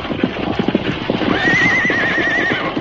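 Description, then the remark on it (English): Hooves clop in a quick, steady rhythm while a horse lets out a long, wavering whinny over them partway through. No one speaks. “You can't stop them horses. They'll pull you right along.”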